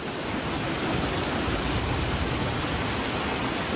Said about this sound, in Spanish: Perdón cómo cae, ¿eh? Esto es Torrente, donde se han llegado a acumular cerca de 100 litros por metro cuadrado. Ha llovido mucho en muy poco tiempo. Una tromba de agua que ha anegado calles y el metro de Valencia.